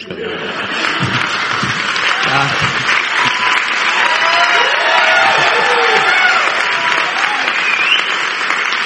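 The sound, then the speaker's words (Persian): A crowd applauds steadily and loudly for the whole stretch, a dense wash of clapping with some cheers and voices mixed in, never dropping off. “دیگه انقدر تشویق نکنید”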